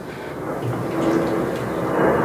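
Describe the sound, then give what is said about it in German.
A steady, broad roar of an airplane passing overhead, a low rumbling wash that slowly swells louder across the whole stretch, with no voices over it. “Ah, Flugzeug? Ja, da kommt gerade ein Flugzeug.”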